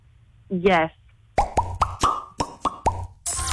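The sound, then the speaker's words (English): A short vocal sound comes first, then seven quick, wet bubble pops in a fairly steady rhythm, each a sharp plop with a brief rising tone, ending in a burst of noise. “how many bubbles did you hear pop?”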